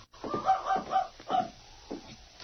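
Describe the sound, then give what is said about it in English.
A little dog whines and yelps in a string of short, high, tonal bursts, muffled and moderately quiet, outside a cabin door during a windy storm. “Sounds like a dog outside, King.”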